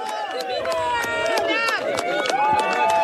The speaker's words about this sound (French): Exactement, un comité d'accueil furieux devant la mairie du Porges ce matin. Environ 200 personnes, beaucoup habillées en noir, symboliquement. Vous l'entendez, les huées fusent à l'arrivée du cortège de Sébastien Lecornu.